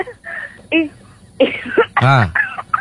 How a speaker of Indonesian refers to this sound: Batuk.